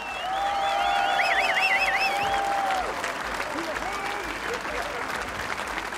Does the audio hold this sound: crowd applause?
yes